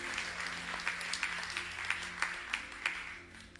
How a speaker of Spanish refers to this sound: ¿Cómo estuvo ese aplauso?